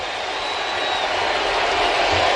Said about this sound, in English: You can hear the crowd. It sounds like they're at Camden Yards, but they're not. They're in New York. Yeah, they love that dude that much.